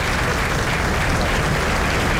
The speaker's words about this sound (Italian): E sentiamo ancora l'applauso scrosciante in sottofondo. L'applauso di tutta la tribuna.